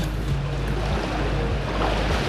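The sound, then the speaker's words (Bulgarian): Gentle, steady wash of a calm sea at a beach in Burgas on a fine September day, a continuous soft roar with a low rumble and slight wind noise on the microphone, no voices. “Здравейте, намирам се на плаж край море. Наистина прекрасно септемврийско време. Както казват, вижте, морето е като тава.”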